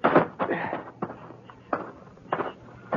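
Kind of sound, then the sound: household object, footsteps up steps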